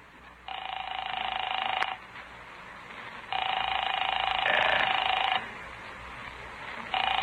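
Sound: telephone ringing unanswered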